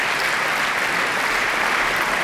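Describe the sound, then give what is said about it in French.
Warm, steady applause from the studio audience in Studio 4 at Flagey, a dense wash of many hands clapping at an even level throughout, with no voices standing out, for semi-finalist Marie Zaitseva and pianist Maria Zaitseva as the two musicians leave the stage. “Vous l'entendez, assez chaleureusement applaudie par le public du studio 4 de Flagey.”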